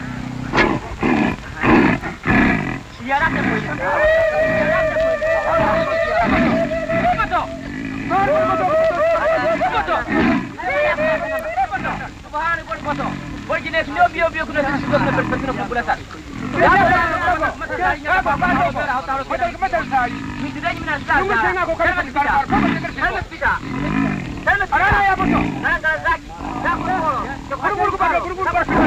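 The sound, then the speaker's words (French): A lion cub growls and moans repeatedly, its rough, wavering cries rising and falling over a steady, busy background that runs throughout. “Alors le petit lion se calme.”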